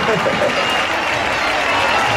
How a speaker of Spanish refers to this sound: Que antes hemos hecho un directo y me ha dicho que se casa. Y quiero que le demos un fuerte aplauso porque eso no se hace todos los días. ¡Ole!